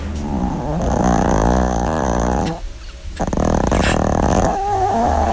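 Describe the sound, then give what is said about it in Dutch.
A dog whimpers and growls while dreaming in its sleep, producing strained, wavering vocal sounds with a brief pause midway before the low growling resumes, fairly loud with no one talking. “Ik heb hier een opname van onze weilen hond, die op dat moment een lucide droom heeft.”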